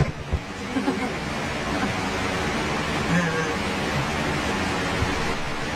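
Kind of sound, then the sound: nature, heavy rain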